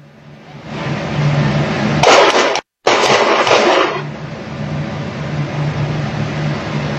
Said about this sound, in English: witnesses tell local media that ICE agents surrounded a car and repeatedly ordered the driver to get out. Then seconds later, we're told they heard gunshots and it was also captured on surveillance video. Listen to this.